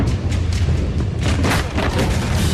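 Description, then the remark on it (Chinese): A massive explosion of flammable and explosive goods in shipping containers, set off by a fire at a hazardous-chemicals stack of Ruihai International Logistics in the port of Tianjin Binhai New Area, China, at 23:34 at night, roars as a loud, continuous low rumble, with crackling bursts flaring through the blast and no voices. “然而，当晚23:34，火灾引起集装箱内的易燃易爆物品发生爆炸。”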